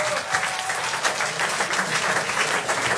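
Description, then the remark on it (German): Steady applause from an audience, a dense wash of many hands clapping continuously at fairly even loudness for the full few seconds, with no talking over it. “Einen kräftigen Applaus einmal an dieser Stelle.”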